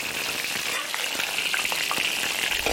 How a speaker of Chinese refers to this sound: 刚晒好的鱼干煎到两面焦香，取出把五花肉爆得卷起，拱出油亮亮的窝，加入鱼干焖煮，待鱼干饱吸花肉的油脂，咸香扑鼻。